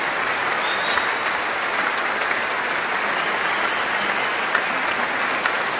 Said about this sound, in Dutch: Maar eerst nog wat meer applaus.